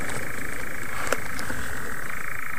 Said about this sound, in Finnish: Ja jälleen sammakko. Kuuletko ton? Kyllä kuulen. On se komean kuulosta toi viita sammakon soiden ääni.